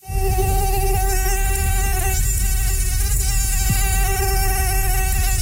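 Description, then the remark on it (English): A steady, high-pitched mosquito whine drones continuously in summer in Northern Ontario, with no pauses or voices, holding an even loudness throughout. “Well, it's hard to escape that summer sound here in Northern Ontario and, of course, the bites that come with mosquitoes.”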